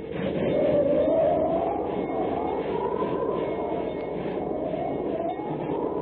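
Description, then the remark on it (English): A train rumbles steadily along the rails in the Wasatch Mountains of the American Wild West, heading toward the pass of Medicine Bow as a blizzard comes on: a dense continuous roar with rhythmic clatter and a faint high whine running through it, loud, with no voices. “Precisely speaking, in the Wasatch Mountains, advancing by train toward the perilous pass of Medicine Bow.”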